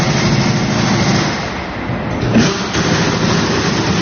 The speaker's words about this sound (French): Donc là, on est sur le démontage de roues sur un véhicule moteur, donc justement pour pouvoir